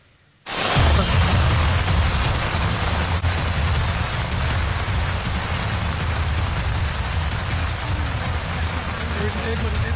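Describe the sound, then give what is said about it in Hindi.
A loud, steady roar of torrential rain and rushing floodwater on a street in Haldwani, Uttarakhand, India, on a Monday, with major roads submerged; it cuts in abruptly after a brief moment of quiet and continues as a dense, unbroken wash of noise. “हल्द्वानी में मूसलाधार बारिश से सड़कों पर सैलाब जैसा मंजर देखा गया”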